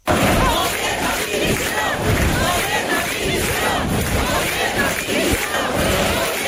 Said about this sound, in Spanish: Aunque se trató de desvincular las concentraciones de cuestiones partidistas o ataques al gobierno de España, sí pudieron escucharse gritos en contra de Pedro Sánchez.